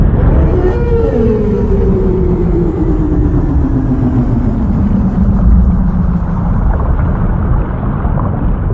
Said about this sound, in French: Les baleines n'ont pas besoin d'expirer l'air pour chanter. Au lieu de cela, l'air se renouvelle en retournant dans les poumons, générant une nouvelle fois du son. N'est-ce pas fascinant et ensorcelant ?